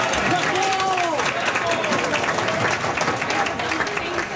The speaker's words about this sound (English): The voices of some soccer fans yesterday afternoon at the Sir John A. Pub on Elgin Street.